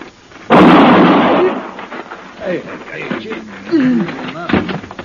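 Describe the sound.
A single loud gunshot cracks out suddenly, its booming roar fading over a second or so, then voices start talking amid a few softer thumps.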